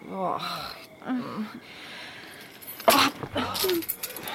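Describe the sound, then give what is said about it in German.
Keys jangle in a couple of short, bright metallic bursts as they change hands, with voices and breathy sounds around them. “Gib mir den Schlüssel, ich bin ins Bett.”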